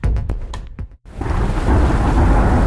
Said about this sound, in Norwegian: Ja, der kom regn igjen.